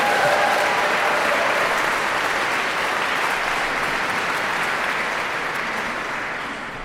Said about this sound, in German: Aber das Publikum möchte noch mehr, wie der Applaus klar macht. Diese Aufforderung haben die … natürlich verstanden. Wenn sie so klatschen, haben wir natürlich noch eine allerletzte Zugabe.